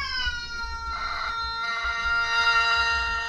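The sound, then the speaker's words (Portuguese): A rooster crows in one long, drawn-out call, its voice hoarse and cracking partway through after it went hoarse during recent cold days, with no talking and a low rumble of background noise. “Isso que é congelar a voz do galo.”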